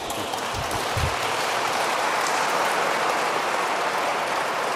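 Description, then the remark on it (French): A crowd claps steadily, a dense, even roar of many hands that holds at a constant loudness for the whole stretch, with a couple of low thumps near the start and no voices. “Oui, là vous pouvez applaudir.”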